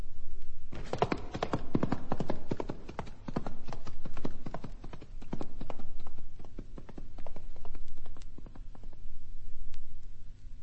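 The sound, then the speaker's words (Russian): Horse hooves clip-clop steadily in a quick, regular rhythm, fairly loud, continuing for several seconds with no one speaking. “Твой конь летит, как ветер, а я отягощен сумою.”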